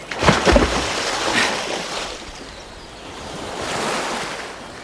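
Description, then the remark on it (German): A loud splash at the start as a body drops into a river gives way to steady rushing water of a strong current that swells and fades in broad surges, powerful, with no voices. “Eine starke Strömung ergriff den Körper und trug ihn mit sich fort.”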